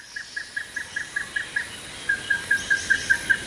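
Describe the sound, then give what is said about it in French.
A small bird repeats a high, thin chirp in a fast, steady rhythm, about five notes a second, at a vanilla plantation at Mont-Blanc-Chamounix on Mauritius, over a soft hiss of background ambience, and no one is speaking. “nous sommes allés à sa rencontre entre chants de petits oiseaux et odeurs.”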